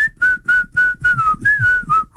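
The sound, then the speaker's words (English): A person whistles a catchy pop tune, about eight clear, fairly loud notes in a bouncy, steady rhythm with short gaps between them, with no talking. “Can you do the whistle?”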